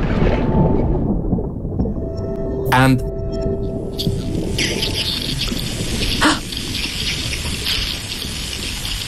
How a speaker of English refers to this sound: The whole box was just singing of these sounds. It was just incredible. It was just this cacophony of herring.